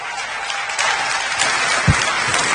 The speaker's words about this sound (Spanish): por lo cual les invito a que le demos un fuerte aplauso al Señor por la vida de la siguiente conferencista. A ver, ¿dónde están esos aplausos para el Señor?